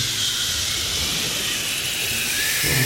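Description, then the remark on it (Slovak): A steady wash of electrical static hiss, the kind heard in telephones and radios, runs unbroken for the whole stretch, bright and airy in tone, holding an even, fairly loud level with no voices over it. “Ja šumím v telefónoch a rádia.”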